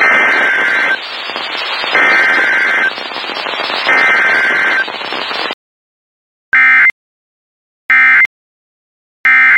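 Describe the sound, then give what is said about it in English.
An emergency alert broadcast: about five seconds of harsh, buzzing digital data bursts, then a pause and three short, sharp electronic beeps, evenly spaced and loud, with no talking. “This emergency warning message has been broadcast for your safety.”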